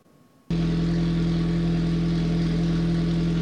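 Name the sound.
race car engine roaring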